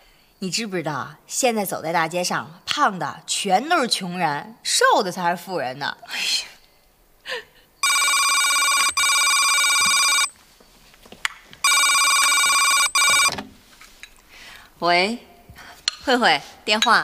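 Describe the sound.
A telephone rings loudly in two long electronic bursts with a short pause between them, coming right after people chatting; talking resumes once the ringing stops.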